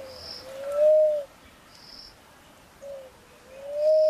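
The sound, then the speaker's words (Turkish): A Cape turtle dove, an African species, calls with repeated clear, rising cooing phrases at a steady rhythm, while crickets chirp continuously in the background. “Afrika türünden bahsedeyim. Adı kap kumrusu.”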